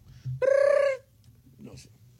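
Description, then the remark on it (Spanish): A voice imitates a telephone ringing with a single sustained, buzzy, high-pitched tone lasting just over half a second, followed by faint murmuring and low background noise. “Suena el teléfono.”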